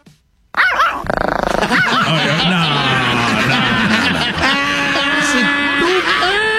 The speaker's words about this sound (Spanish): Oye, ponle un perro de a de veras. ¿Qué es eso? ¿Qué es eso? ¿Un chihuahua? Con madre el perro. Es un perrín. Muy bien, el perrito. Un perrillo.